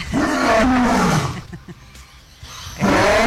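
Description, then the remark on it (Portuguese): A lion roars loudly, a long, deep, rumbling bellow that fades into a brief quieter pause before a second roar begins at the end. “É assim que é o rugido do leão?”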